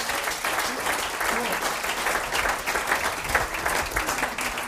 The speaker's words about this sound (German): Einen Applaus